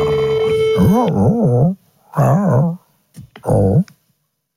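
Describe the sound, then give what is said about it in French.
A person imitates a howling dog as a phone message, voicing three loud bursts of wavering, warbling pitch separated by short pauses, with a faint steady tone underneath at the start. “Il est con ce chien là.”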